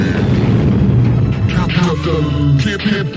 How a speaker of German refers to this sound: Wir gehen doch jetzt erst ins Weltall. Und jetzt der größte Knall im All.